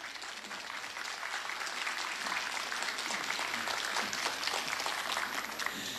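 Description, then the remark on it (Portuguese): An audience in Garibaldi applauds steadily for about six seconds after a tribute to the homeland by the Giuseppe Garibaldi association (Giga), a dense, even wash of many hands clapping at a constant loud level with no voices standing out. “Vamos aplaudir.”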